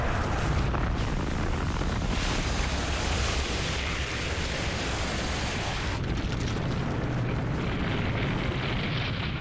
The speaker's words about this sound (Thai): จากนั้นยังมีการปะทุของภูเขาไฟและการพุ่งชนของอุกกาบาตด้วย